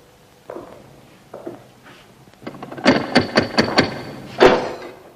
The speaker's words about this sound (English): The guard reluctantly unlocks the cell door for the inspector, who steps inside. The guard closes the door after him and watches through the window.